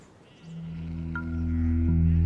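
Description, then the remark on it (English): A newly shorn sheep bleats in one long, drawn-out call that swells louder toward the end, with no voices around it. “So, the newly trimmed sheep were now equipped to deal with the heat”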